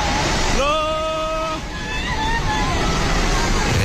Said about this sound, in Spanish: En Nepal, los servicios de emergencia han retomado la búsqueda de cuerpos tras la descomunal riada que ayer se tragó edificios enteros en la frontera con el Tíbet.